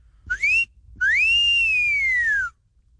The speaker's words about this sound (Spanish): Chiquillas. Ahí está el chiflidito